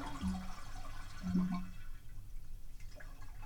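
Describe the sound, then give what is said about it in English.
A toilet with a plastic flapper chain is flushed as a test, its rushing, gurgling water tapering off after about two seconds, with a couple of low hollow knocks from inside the tank. No one speaks. “Okay, this is a problem because that plastic chain's going to get in the way of the flapper, but it didn't.”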